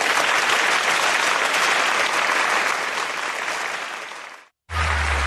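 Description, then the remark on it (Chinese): A live audience breaks into warm, sustained applause for crosstalk comedians coming on stage, dense and loud clapping for several seconds before fading, a brief cut, then more clapping with a low hum. “感谢大家这么热烈的掌声， 谢谢各位。”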